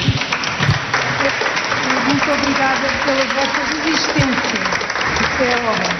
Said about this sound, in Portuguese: A visita termina com palmas.